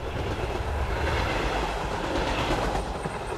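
A train rumbles steadily along the rails through a dark tunnel, a dense low roar with faint rhythmic clatter of wheels running underneath, continuous and fairly loud throughout.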